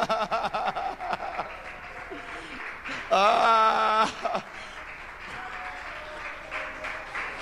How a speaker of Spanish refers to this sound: ¿Cuántos le aplauden a Él?